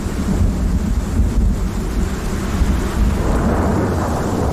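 Deep, continuous thunder rumbles loudly through a storm, with a steady wash of heavy rain hissing underneath that grows stronger toward the end. No voices.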